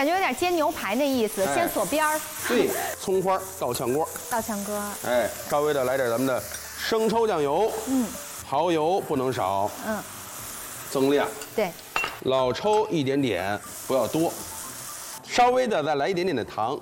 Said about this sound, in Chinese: 哎，咱们还是这个锅，稍微的来点油，咱们就开始煎牛肉。刚下锅，先别着急动它，让它一面先定型。开大火，朋友们，这时候一定要记住开大火啊，迅速让它两面焦褐，哎，让它迅速锁水。